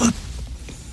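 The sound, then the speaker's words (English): A voice imitates an elephant's trunk with one short, loud, breathy blast at the start that quickly fades to quiet rumble, with no talking around it. “And the elephant had a big trunk that went...”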